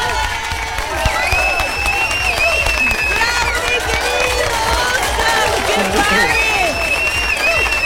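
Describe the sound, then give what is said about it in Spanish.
A loud burst of crowd applause and cheering, dense and steady, with bright brassy fanfare tones ringing above the clapping, marking a Mexico national team shirt prize from Depresa Adhesivos. “¡Qué fortuna tienes tú que a Depresa Adhesivos te regalen en esta ocasión y con todo y fanfarria, aplausos y todo, una playera de la selección, amigo!”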